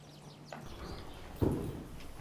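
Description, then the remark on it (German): A Knabstrup-breed horse performing a levade, a baroque riding exercise, in a riding hall strikes the ground in two heavy, muffled thuds, the second louder, over a soft rustling background with faint high chirps. “Manche der barocken Reitübungen klappen schon sehr gut. Wie diese Levade.”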